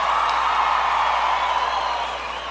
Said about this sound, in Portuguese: Nós batemos palmas.